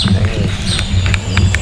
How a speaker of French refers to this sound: On a le cri des oiseaux, ouais. Tout le monde a pas ça.